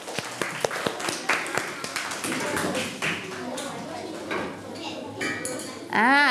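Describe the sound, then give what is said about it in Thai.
A group of children in a classroom claps in a burst of sharp, uneven applause that thins out over a few seconds, with voices chattering and one voice speaking up near the end; the teacher has asked for applause for group 5 as it comes out to present its route for bringing a kitten home. “คุณครูจะให้เพื่อนๆตัวแทนกลุ่มที่5ออกมานำเสนอเส้นทางพาน้องแมวกลับบ้านขอเสียงปรบมือให้เพื่อนกลุ่มที่5ค่ะ”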